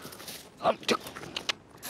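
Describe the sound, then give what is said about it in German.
A dog bites and chomps on a rubber hose toy scented with black powder, in a few quick bursts, soft squeaky crunches spaced unevenly over a quiet background. “Und auch mal reinbeißen.”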